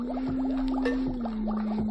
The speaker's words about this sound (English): Notice what happens I tap on the glass jar.